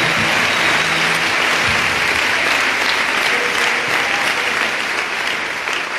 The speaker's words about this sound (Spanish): fuerte aplauso al nombre del Señor. Aleluya.